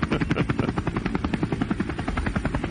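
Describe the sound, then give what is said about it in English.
A helicopter rotor sound effect chops steadily and rapidly, a loud, continuous thumping pulse with a broad engine roar underneath, no voices present. “helicopter probably didn't sound quite like this.”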